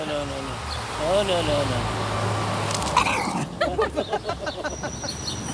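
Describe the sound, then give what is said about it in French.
A female dog growls in a low, steady rumble, with another dog on the other side of a wire fence, a few whiny rising notes near the start, and people talk over it toward the end. “Bah, pourquoi tu grognes ?”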